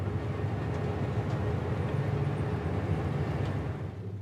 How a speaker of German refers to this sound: Der Bahnhof von Nouadhibou.